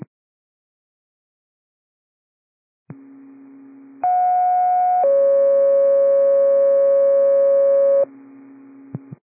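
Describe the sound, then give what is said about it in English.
Radio dispatch alert test tones for Battalion 29: a low steady tone starts, then a loud, sharp pitched tone sounds for about a second before a second sustained tone holds for three seconds, then the low tone returns. “Battalion 29 is for test tones. Test tones only.”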